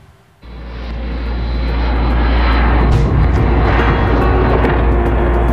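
A Russian attack drone's engine drones loudly overhead over Kyiv, Ukraine, around 1 a.m. on a Sunday during an attack on the city, a continuous buzzing roar that kicks in abruptly and swells steadily louder as it passes, with no voices.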